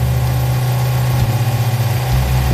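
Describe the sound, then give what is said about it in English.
A boat engine idles, a steady low rumble with a faint rhythmic throb that holds throughout, with no voices over it; one of the boats launched by Sheriff Brett Stacy's team at Whiskey Bay. “Sheriff Brett Stacy launched a couple of boats to show us one of the first places he and his deputies thought to look.”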